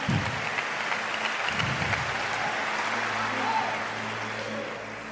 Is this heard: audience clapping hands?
yes